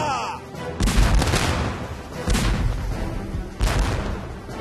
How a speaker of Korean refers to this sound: 영국군 배를 향해 대포를 뽕뽕 쏘니까